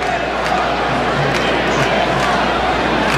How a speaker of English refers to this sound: No one's left the ballpark here. We've had a really good crowd here, and they stayed energized. They were singing, enjoying stuff up on the scoreboard